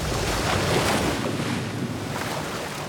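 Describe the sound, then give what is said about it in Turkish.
Loud, continuous roar of very large ocean waves breaking at Bondi beach, a broad wash of crashing water with a swell that peaks early and eases slightly, mixed with steady wind noise and no voices. “Buradaki dalgalar çok büyük. Gerçekten büyük.”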